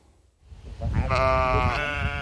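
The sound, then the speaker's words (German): A sheep, one of a flock of 23 used as lawnmowers in the Volkspark Rehberge in Wedding, lets out a single drawn-out, wavering bleat that starts after a short quiet moment and holds steady, loud and nasal, over a low rumbling background. “Die Kollegen mit der dicken Felljacke fräsen sich ja schon seit Jahren erfolgreich durch den Schlosspark Charlottenburg und den Landschaftspark Herzberge.”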